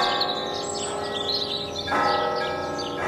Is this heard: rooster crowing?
no